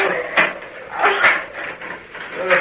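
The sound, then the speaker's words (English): Wind gusts and rushes in rising and falling swells, a steady breathy roar with a few sharper bursts, with no voices over it. “Oh, just listen to that wind.”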